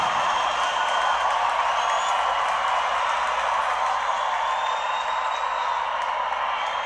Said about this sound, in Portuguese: Aplausos! Obrigado, São Paulo!